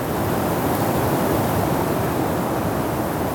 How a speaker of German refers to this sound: Es wurde ganz still. Man hörte nur den Wind.